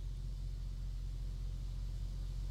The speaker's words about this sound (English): There's more to the clip, but I honestly don't know that you'd be able to, because there's so much traffic noise and everything. I don't know if you'd understand what the other old ladies were saying.